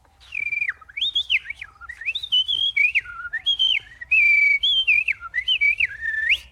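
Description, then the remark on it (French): A blackbird sings a continuous run of fluty, whistled phrases that swoop up and down in pitch, clear and fairly loud, with no voices. “Oui, il y a un merle, d'ailleurs.”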